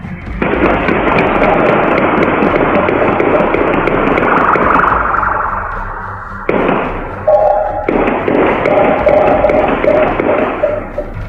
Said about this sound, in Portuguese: Foi nesse momento que os criminosos perceberam a viatura policial caracterizada e decidiram abrir fogo contra o efetivo. Os policiais revidaram. Outras viaturas foram acionadas. Neste circuito é possível ouvir os disparos.